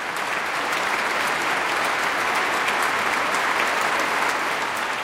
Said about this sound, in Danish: Og der er også spontane bravo-råb, kan jeg høre, fra publikum i Minneapolis.